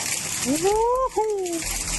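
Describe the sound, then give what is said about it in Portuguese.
Floodwater from a storm gushes and roars across a flooded road in a steady, loud wash of noise, while a man's voice rises in an excited shout over the rushing torrent. “Aí o água!”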